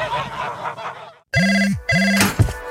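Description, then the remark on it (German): A telephone rings twice in quick succession, each ring a loud, steady, clear electronic trill, following a short burst of busy, honking noise and a brief silence. “Ein Anruf, ein neuer Auftrag und schon geht's los.”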